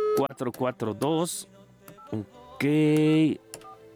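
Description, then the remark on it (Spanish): A quick run of short telephone keypad beeps, one after another, as a phone number with a Querétaro area code is dialed, then a longer steady electronic tone and a couple of faint blips, all clear. “A ver, déjame lo intento, porque sí, se me hace que es como de Querétaro este teléfono.”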